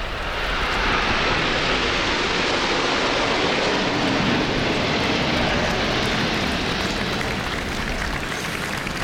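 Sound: aerobatic jet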